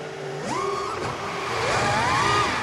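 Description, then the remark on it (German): A cheap FPV drone being test-flown over a field buzzes steadily with a high, harmonic motor whine whose pitch repeatedly rises and dips as the throttle changes, loud and continuous throughout with no voices. “und zwar machte ich Content und da gab es so ganz günstige hier FPV-Drohnen, die wollte ich mir mal holen, bin dann mit meiner Tochter raus aufs Feld, habe die getestet und da dann zum ersten Mal dieses Surren gehört.”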